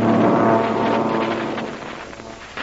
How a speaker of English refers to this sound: A couple of fighter planes are peeling off. They're coming down here for a look-see.